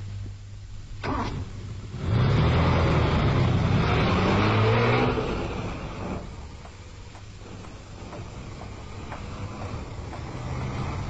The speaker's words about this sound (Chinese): 夏欢开着汽车来到马路上，寂静的夜晚只有江燕燕一个人在行走。